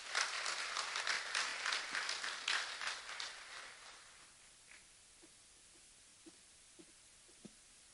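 A crowd at an awards ceremony bursts into dense, steady applause for the CEOs being honoured, holding for a few seconds, then thinning out into a handful of scattered, isolated claps before fading away.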